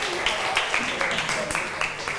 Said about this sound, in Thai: ขอบคุณกลุ่ม5ค่ะขอเสียงปรบมือให้ทั้ง2กลุ่มค่ะ